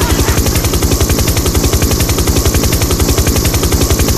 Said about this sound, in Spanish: Cuidado con el helicóptero, amigo, porque la otra vez la señora se quejó que le había despertado a los gatitos.